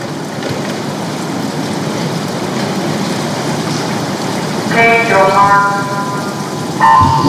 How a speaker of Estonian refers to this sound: Ja vette on hüppanud meeste neli korda 100 vabalt teatujumise esimene vahetus. Teisel rajal stardib Eesti.